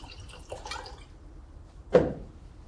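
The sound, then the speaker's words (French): Dry white Muscadet wine trickles and splashes for about a second as it is poured into a glass, followed by a single sharper wet clink or splash, with a quiet background in between. “Tenez, un vin blanc sec. Un muscadet sur lit.”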